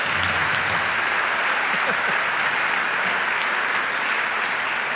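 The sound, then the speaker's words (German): Steady, dense audience applause fills the whole stretch, many hands clapping at an even loudness with a bright hiss of claps and no clear individual rhythm. “bitteschön, ja, ein Applaus werden.”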